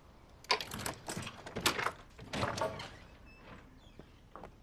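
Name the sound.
keys rattling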